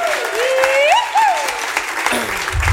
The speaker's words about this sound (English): So give him another big round of applause.